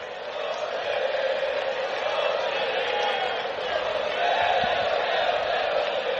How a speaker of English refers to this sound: Got the Olé cheer going in the bleachers.